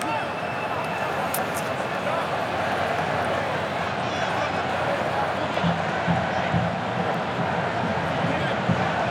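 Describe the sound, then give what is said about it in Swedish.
Spain's red-clad football fans in a stadium applaud as Spain win the first corner of a match against Cape Verde, a steady, dense wash of clapping and crowd noise that stays fairly loud and even for the whole stretch. “Ja, här kommer första hörnan och applåder från de röda utav portarna som är på plats.”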